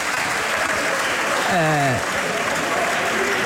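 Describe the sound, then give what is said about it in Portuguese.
Chega party deputies in parliament applaud with steady, dense clapping that holds at an even level throughout, while a single voice briefly calls out over it partway through. “E os aplausos são dos deputados do Chega.”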